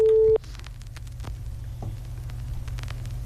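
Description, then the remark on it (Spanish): A steady telephone ringback tone from an outgoing call sounds loudly for a brief moment at the start, then cuts off, leaving a low rumbling line noise with faint clicks for the rest. “Sí, nos está dando los tonos.”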